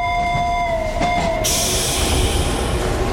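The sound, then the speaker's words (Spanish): A tram on track 5 pulls away on its rails, a high wheel squeal gliding and fading before giving way to steady, broad rumbling and hiss as it rolls off. Sustained and fairly loud, with no voices. “El tranvía musical se encuentra en la vía 5 y se dispone a salir en breves segundos.”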